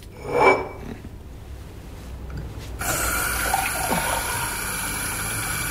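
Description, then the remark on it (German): In a restaurant, after a short clink and a brief pause, a tap is turned on and water runs steadily into a glass, a continuous splashing rush that carries on to the end. “Aber ein Glas Wasser werden Sie doch haben.”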